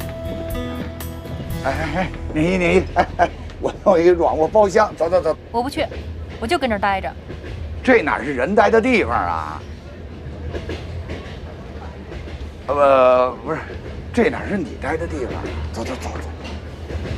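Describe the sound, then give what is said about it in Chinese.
A speeding train rumbles steadily underneath, a low continuous roar from the rails, while several voices chatter over it throughout. “飞驰的火车会将我所有的烦恼都抛向身后。”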